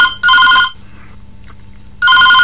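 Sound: telephone ringing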